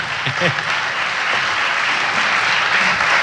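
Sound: audience applause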